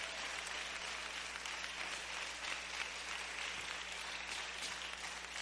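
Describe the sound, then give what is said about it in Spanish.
An audience applauds the Lord steadily, a dense, continuous wash of many hands clapping at an even loudness for several seconds, with a faint low hum underneath and no voices standing out. “Démosle un aplauso al Señor todos los que sentimos que Dios nos ama. Fuerte ese aplauso al Señor.”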